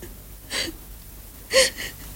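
A woman sobs softly, with a few short, breathy catches of breath spaced apart, one stronger shuddering gasp near the end; fairly quiet, no talking.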